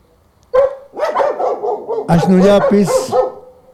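A dog barks loudly: one sharp bark, then a run of rough, uneven barks and yelps that rise in pitch and press together toward the end before trailing off.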